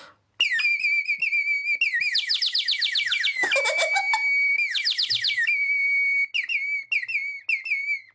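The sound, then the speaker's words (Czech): A tiny clay bird whistle from Peru, small enough to fit in a palm, trills and warbles with bright, high, bubbling chirps, rapid fluttering runs alternating with short sliding tweets, loud and continuous for several seconds with no talking. “Třeba dokážu popsat tady toho hliněného mrňavoulinkého ptáčička, který se vejde”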